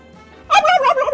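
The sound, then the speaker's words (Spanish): A pet turkey gobbles, a quick rapid burst of warbling, bubbling calls that starts abruptly and fills the short clip at strong volume. “A ver, ¿qué habla mi guajolote?”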